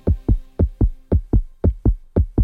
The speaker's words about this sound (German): Hör mal dieses Herzklopfen. Das bedeutet für die größten Hits aller Zeiten.